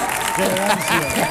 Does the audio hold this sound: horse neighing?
no